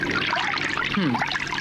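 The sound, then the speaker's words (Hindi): Water trickles steadily from a tap for a couple of seconds, a continuous splashing flow with a brief murmur of voice partway through. “ये रहा पानी का नल।”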